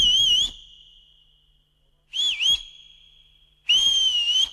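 Someone whistles in three bright bursts, each with a quick warbling lift, linked by a thin steady held note. The whistling is clear, with no talking.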